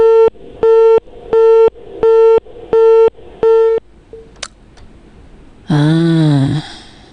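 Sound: phone busy tone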